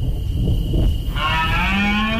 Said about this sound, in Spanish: empieza lo que es la auténtica aldabonazo del otoño, la berrea de los ciervos. Estamos en la Sierra de Andújar, tronando a lo lejos, el trueno arriba.